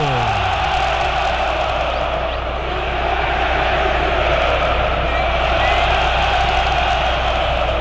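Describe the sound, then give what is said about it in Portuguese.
The crowd at Arena Itaquera roars after a penalty is awarded to Corinthians in a match against Estudiantes: a loud, unbroken wall of cheering and shouting that holds steady for several seconds, with no pauses or drops in intensity. “E agora a Arena Itaquera, que havia sido desligada, ganha uma chama nova, ganha um grito novo!”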